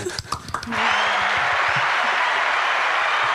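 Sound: audience applause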